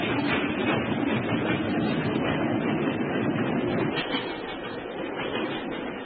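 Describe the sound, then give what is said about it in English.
A steam train pulling away from a station rumbles and roars steadily, a dense, continuous churning of wheels and machinery that stays loud throughout, with no voices. “Stop the train, I say!”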